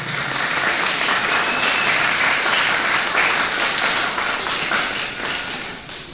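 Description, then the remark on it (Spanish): A crowd applauds the Lord steadily, dense overlapping claps forming a loud, even roar that holds for several seconds before easing slightly at the end. “Otro aplauso al Señor, por favor, que nos ha privilegiado.”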